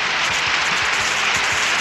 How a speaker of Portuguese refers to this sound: Cadê os aplausos? Cadê? Mais palmas.